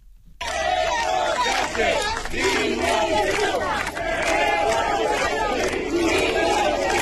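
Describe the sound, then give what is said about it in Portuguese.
A large protest crowd at the doors of the town hall of O Barco de Valdeorras chants and shouts insults at Prime Minister Pedro Sánchez, many voices overlapping in loud, rhythmic bursts that continue steadily throughout, with no pauses or quiet moments. “Os socialistas consideran inadmisible a actitude de …, a quen se ve nun vídeo difundido por un medio de comunicación aplaudindo, coreando e participando na concentración na que se berrou Pedro Sánchez, hijo de puta.”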